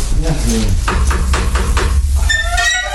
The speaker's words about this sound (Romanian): Da, e bine cu asta să batem la ușă să vedem despre ce e vorba.